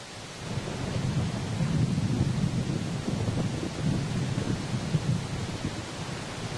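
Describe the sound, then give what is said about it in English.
A deep, continuous rumble of the Narin River's powerful current carrying huge rocks down the steep incline of the Tian Shan, a heavy thunder-like roar with a steady rushing hiss of water throughout, loud. “The rocks crashes along, creating sounds like the roaring of thunder.”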